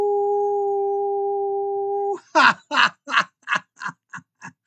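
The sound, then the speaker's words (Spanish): A person imitates an energetic howl: a steady, held note for about two seconds, then a quick run of eight short yipping bursts that grow gradually fainter, with no talking. “Y por eso yo les envío un energético aullido.”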